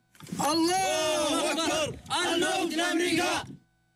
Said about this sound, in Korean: 소총을 치켜든 남성들은 사우디의 표식이 새겨진 전투기 잔해 위에서 환호성을 내지릅니다.